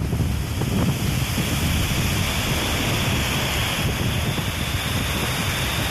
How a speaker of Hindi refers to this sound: नदियों में बारिश के पानी की वजह से बहाव इतना तेज है कि आसपास के लोगों में खौफ पैदा हो गया। वलसाड़ की ये तस्वीरें अपनी कहानी खुद बयां कर रही हैं। पुल के नीचे बहते पानी की धार जैसे सब कुछ बहा ले जाने पर आमादा है।